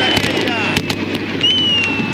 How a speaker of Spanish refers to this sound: Los fuegos artificiales, escuchás en el micrófono.